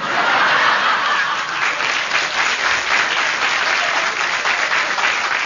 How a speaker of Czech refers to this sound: Máte potlesk, uklonte se.